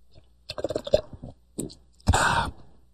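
Wet mouth noises of someone sipping water: a quick run of small clicks and gulps, a pause, then a louder, longer slurp near the end. No one speaks.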